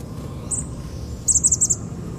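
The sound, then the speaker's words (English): Three or four chickadees moving around in an Indian plum call outdoors: one short high note, then a quick run of five buzzy, high-pitched notes in a row, over a steady low rumble of background noise. “One of the little birds is moving around in the Indian plum. A couple of chickadees, I think.”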